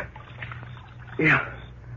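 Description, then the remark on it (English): A cloth is plunged into the water of a water trough with a single short, wet splash and slosh, over a low steady background hum. “Here, use this cloth. Soak it with water.”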